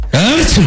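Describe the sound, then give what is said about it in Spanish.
A single loud sneeze made by a human voice: a rising, drawn-out voiced intake that breaks into a sharp, breathy burst, then a brief voiced tail. “El vampiro sintió el picazón tremenda y estornudó con todo el poder de la noche.”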